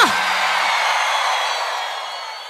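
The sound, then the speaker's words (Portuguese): A crowd shouts and cheers in one dense, loud burst that starts abruptly and holds steady for a couple of seconds before slowly easing off. “fazer o grito da galera!”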